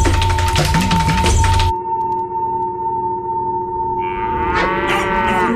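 A spooked herd of cattle stampedes. A loud, dense rumble of many hooves pounds for the first couple of seconds, then gives way to drawn-out, bellowing moos, one rising higher near the end. No one speaks.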